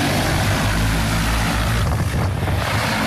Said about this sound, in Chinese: 在新乡市嘉霍县泰山镇，多架无人机飞防作业在同步进行，小麦灌浆期最后一遍飞防作业即将完成。